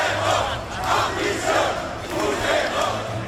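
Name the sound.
street protest crowd shouting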